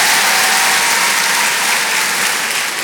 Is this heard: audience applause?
yes